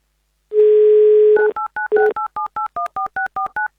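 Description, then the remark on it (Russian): A steady dial tone hums for about a second, then a rapid run of around a dozen short, evenly spaced touch-tone beeps at varying pitches as a number is keyed in to phone a listener during an Avtoradio radio show. “Ну, давайте прямо сейчас мы Алексею позвоним.”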